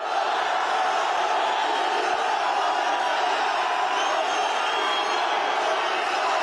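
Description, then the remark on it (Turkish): A large crowd of football fans at the airport in Trabzon, welcoming footballer Mohamed Salah, chants "Ya Allah, Bismillah, Muhammed Salah" and cheers, their voices blending into a dense, steady roar that stays loud and unbroken for the whole stretch. “Salah'ın üçlü çektirdiği taraftarlar "Ya Allah, Bismillah, Muhammed Salah" tezahüratlarında bulundu.”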